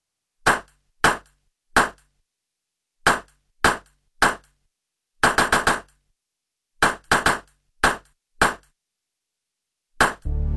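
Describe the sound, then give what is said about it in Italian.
A ping-pong ball bounces in the Italian radio guessing game Nick Pong, where listeners count the bounces, in sharp, hollow clicks, roughly seventeen of them in irregular bursts, some quick runs of three or four, separated by brief silences, ending on a short rush of noise. “Quanti rimbalzi ha fatto la pallina?”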